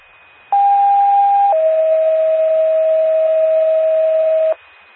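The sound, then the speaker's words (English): Macoupin County 911 dispatch pager alert tones paging Gillespie Vanelberry Ambulance: a loud, steady high tone holds for about a second, then drops straight into a slightly lower tone that sounds for about three seconds before cutting off. “Time of page, 1512, Macoupin County, 911 clear.”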